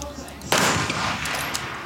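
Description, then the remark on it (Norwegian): A sharp, loud rifle shot cracks out partway through at a shooting competition, followed by a lingering wash of outdoor noise and a faint second pop near the end. “To dårlige skutt etter hverandre her.”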